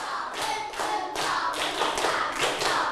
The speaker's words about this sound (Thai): ปรบมือ1ชุดหนึ่งชุดมีกี่ครั้งนะ3ครั้งใหม่ปลายทางด้วยลูกพร้อมๆกันปรบมือ1ชุด